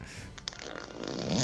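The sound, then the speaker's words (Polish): A low, rasping, fart-like noise, made by a phone caller fiddling with a slider, rumbles and sputters for a second or two, rising slightly in loudness toward the end, with no voices over it. “On chyba na serio dzwoni, tylko taki dźwięk, bo się bawi jakimś suwakiem.”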